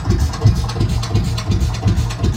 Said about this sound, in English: So that's the Lance Bulldog. The tractor.